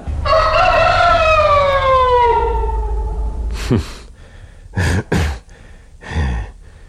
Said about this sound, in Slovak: Kohút.